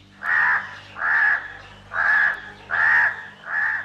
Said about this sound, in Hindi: एक जंगल था। उस जंगल में एक ऊंचा पेड़ था। उस पेड़ पर एक कौवा रहता था।